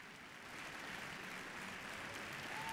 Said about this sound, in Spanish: Sostenido aplauso para la Osodre. Junto a ellos, el maestro Nicolás Raus.